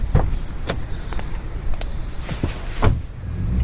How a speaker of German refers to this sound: Das Auto fuhr los